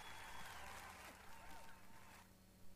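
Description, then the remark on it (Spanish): A crowd claps steadily and fairly loudly for about two seconds, with voices mixed in. Then the applause stops abruptly, leaving quieter background noise. “Un aplauso para ellos.”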